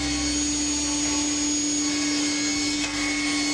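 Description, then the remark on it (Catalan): An industrial saw is started in a workshop to cut a wooden plank to size, running with a loud, steady motor roar and a constant low hum, holding an even level throughout with no voices present. “La Cristina engega la serra industrial.”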